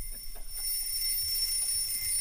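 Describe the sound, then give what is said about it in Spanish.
An alarm clock rings steadily with a shrill, high electronic tone that holds constant, fairly loud against a faint low rumble in the background. “Despertador.”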